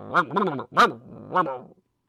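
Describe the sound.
A human voice imitates Xiaotian Quan, the mythical dog that swallowed the moon, giving a few short yelping barks followed by drawn-out whiny whimpers, clear with brief pauses between them.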